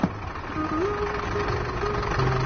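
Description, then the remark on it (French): A bus engine drones steadily at dawn during a journey from Bolivia to Ecuador, as the sun rises behind the mountains, its low rumble rising into a strained whine as it labors on each turn, with no voices over it. “Le bus gémit, suffoque à chaque virage, tandis que le soleil grimpe au revers des montagnes, que le ciel s'éclaircit.”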